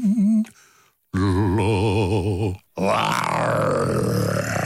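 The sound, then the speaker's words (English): A person imitates a lion's roar with their voice: a short growl, then a long, loud, wavering roar, and after a brief pause another rough, sustained roar that rises and falls. “I love my voice when I do a lion.”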